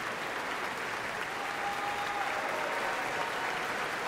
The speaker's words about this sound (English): Everyone in Marian Anderson Hall is on their feet and cheering for this performance. Joelle Harvey is back for another bow.